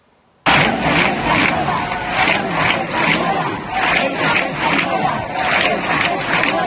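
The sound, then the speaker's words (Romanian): A protest crowd of about 5,000 people in the city square of Castellón de la Plana, Spain, chants loudly and steadily, voices rising in rhythmic pulses roughly twice a second, starting abruptly and continuing without a break. “În Madrid, în Barcelona, în Sevilla, în Valencia, aici în orașul Castellón de la Plana, de unde transmit eu, sunt în jur de 5.000 de persoane în piața orașului.”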